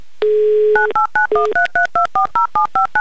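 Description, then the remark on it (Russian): A telephone number in Novokuznetsk is dialed on a keypad for a live Humor FM radio call-in game, "Car for a Smile": a steady dial tone briefly, then a quick, evenly spaced run of about a dozen short, loud touch-tone beeps with no voices. “Номер телефона мы набрали.”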